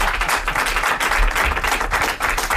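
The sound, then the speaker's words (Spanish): An audience applauds steadily for Javier Coronas on the show Ilustres Ignorantes, dense overlapping claps forming a loud, continuous wash of sound with no voices over it. “Un aplauso para Javier Coronas.”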